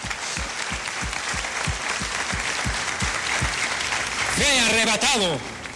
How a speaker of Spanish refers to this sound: Den un aplauso a él.